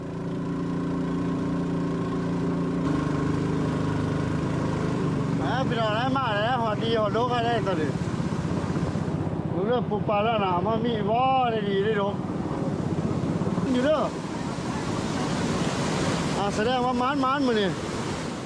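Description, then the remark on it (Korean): A motorboat, started by two people, drones steadily as it moves through a strong water current, over loud, rushing water and wind noise, with voices talking over it through most of the second half. “보통은 안전하게 목적지까지 도착하지만 물살이 더 거셀 경우 가다가 배가 뒤집힐 수도 있답니다.”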